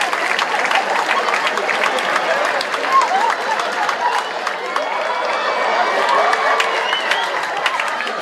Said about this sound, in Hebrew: איפה כפיים